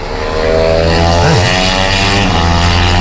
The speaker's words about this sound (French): Donc là, il peut regarder les voitures tourner, c'est sympa. Ouais. Les motos, tout ça. Oh, une moto.